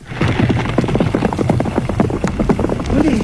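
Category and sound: animal, horse hooves galloping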